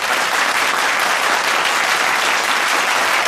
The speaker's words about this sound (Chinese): 让我们把掌声送给我们第六组的四位选手，恭喜大家！